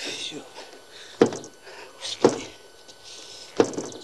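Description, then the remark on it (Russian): Someone tries to open a door: three dull, separate clunks about a second apart, over a faint, hissy background. “Пытается открыть дверь.”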